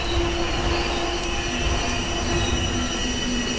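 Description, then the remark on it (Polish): Railway wagons braking outdoors, with steady high-pitched wheel squeals sustained over a continuous loud rumble of rolling stock, for several seconds with no voices. “Jest takie specyficzne hamowanie wagonów, które bardzo lubię.”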